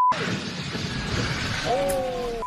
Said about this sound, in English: 5 people were killed, 5 others injured after the plane overran the runway, crossed a busy road, and crashed into multiple vehicles. Witnesses capture the terrifying moment.